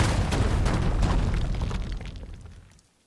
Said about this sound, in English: What if we just say the station's name and then you hear some explosions like psh, psh, psh.